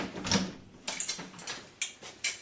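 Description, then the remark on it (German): A series of knocks on a door, about six raps at an uneven pace, fairly quiet, with no voices. “Klopf erst an, wenn du bis 5 gezählt hast.”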